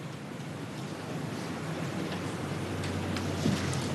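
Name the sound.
applause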